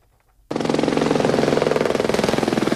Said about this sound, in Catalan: El tràfic d'helicòpters per descarregar aigua ha sigut constant durant les últimes hores.